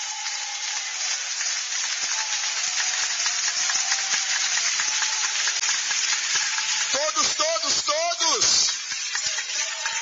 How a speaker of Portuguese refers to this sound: Podeis assentar e glorificar a Deus com palmas.